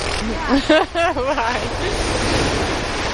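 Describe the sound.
Steady surf washes and hisses on a beach, with a brief voice speaking over it early on before the rushing water carries on alone.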